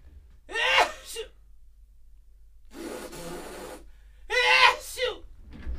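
A sharp, voiced sneeze bursts out up close, followed after a pause by a breathy, noisy nose blow, then another loud sneeze-like burst, with no talking.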